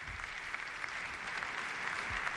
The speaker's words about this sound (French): Léon XIV applaudi par toute l'assistance et qui remercie d'un signe de la tête.